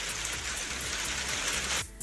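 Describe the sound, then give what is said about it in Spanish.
Hail falls steadily and densely on a hard surface in Copiapó, a continuous loud patter of countless impacts, cutting off abruptly near the end. No voices are heard. “¡Oh, está granizando!”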